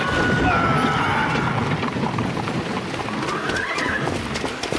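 horse-drawn carriage

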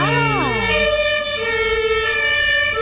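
passing emergency vehicle siren

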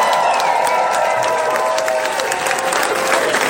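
applause and cheering

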